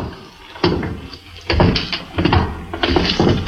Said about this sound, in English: Here's the door. I hope it's open. No, darn it, it's locked.